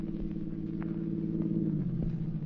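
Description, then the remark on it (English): A car engine hums steadily, its low tone rising and shifting in pitch near the end as the car swings around to block the road, with no voices present. “Johnson, swing your car around and block the road.”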